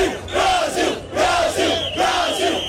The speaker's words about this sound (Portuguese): Em Tóquio, capital japonesa, invasão verde e amarela no famoso cruzamento de Shibuya. Os brasileiros saíram lá para o meio do grande cruzamento para gritar Brasil. Vamos ouvir um pouquinho.